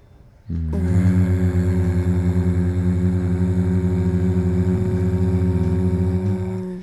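A person hums one long, steady low note for about six seconds while breathing out. The tone is buzzy and rich in overtones, holding an even pitch and loudness from start to finish, with no talking.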